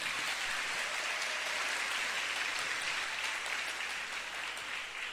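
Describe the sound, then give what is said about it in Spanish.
A crowd applauds steadily for those listening live through the Minuto de Dios radio station, a dense continuous patter of many hands clapping that holds an even level for several seconds before easing slightly at the end. “Un aplauso para ellos.”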